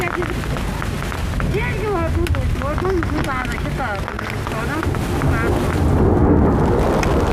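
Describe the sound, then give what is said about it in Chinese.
Heavy rain pours down in a dense, steady hiss that fills the whole clip. Several people talk urgently over it as they pack up their instruments and equipment in a spot with no shelter from the rain, before the downpour swells slightly louder near the end. “下大了，主要是这地儿没地方躲，你知道吗？”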